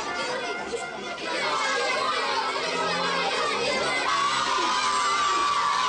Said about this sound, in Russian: Тень папки падает на экран, закрывая изображение. Дети возмущенно галдят.